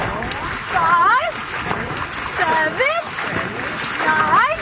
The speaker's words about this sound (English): My team's name is CYC One Breath, and right now, we are practicing different paddling strokes we'll be using when we're racing.